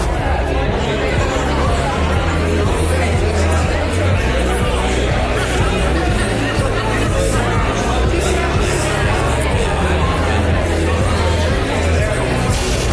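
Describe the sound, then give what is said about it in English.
Loud, dense crowd chatter played over a song for a name-that-tune radio game fills the whole stretch, a constant hubbub of many overlapping voices, with the music faintly audible underneath, mostly as a steady low bass line. “And it's up to you to identify the name of the song and who's singing it if you can get behind the crowd noise.”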